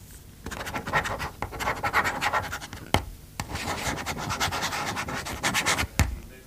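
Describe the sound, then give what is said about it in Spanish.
A red ballpoint pen scribbles steadily on paper as it is checked for ink, with a microphone lowered toward it, quick rhythmic scratching strokes and a few sharp taps breaking the flow, fairly loud and with no voices. “está más cerca ahora del bolígrafo que de mi voz.”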